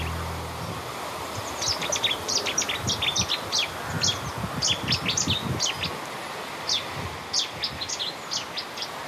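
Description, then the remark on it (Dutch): A Cetti's warbler sings in a small wood at the end of a street in Koudum, Friesland, the Netherlands, in loud, explosive bursts of sharp, rapid notes, phrase after phrase with short pauses, over a low rustling outdoor background. “heeft haar eerste ontmoeting met de Cities zanger.”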